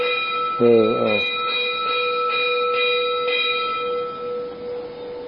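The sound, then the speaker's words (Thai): A midday temple bell rings at a temple with a steady, lingering metallic hum, its tones sustained across the whole stretch with faint repeated strikes; a voice speaks briefly near the start. “อ้าวระฆังช่วยแล้วเนาะอ้าวระฆัง”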